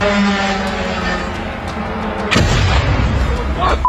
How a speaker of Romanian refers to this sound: Aproape de ora 2, drona încărcată cu explozibil se prăbușește peste un bloc de 10 etaje din Galați. Toată încărcătura explozivă a dronei a explodat la momentul impactului. Explozia urmată de incendiu a rănit o mamă și pe copilul ei de 14 ani.